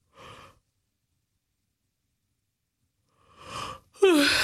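A short breath, a pause, then one big yawn: a long breathy inhale rising into a voiced, downward-sliding groan, fairly loud, with no talking.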